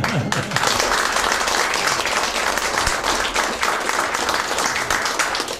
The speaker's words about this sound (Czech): Ale zatleskáme vám.